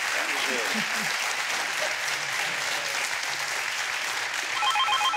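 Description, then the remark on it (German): Steady applause from a crowd fills the whole stretch, dense and continuous, with faint voices underneath and a brief electronic ringing tone near the end. “Dann schicken wir den Applaus zu Ihnen und viel Spaß mit dem neuen Rad, das Sie sich aussuchen.”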